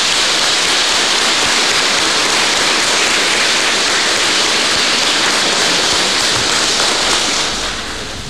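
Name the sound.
applause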